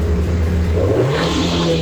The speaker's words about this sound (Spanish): La moto deportiva del vecino.